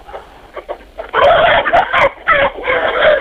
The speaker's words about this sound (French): Eh bien, actuellement, je suis dans mon poulailler au milieu des poules.